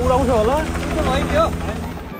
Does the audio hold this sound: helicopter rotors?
yes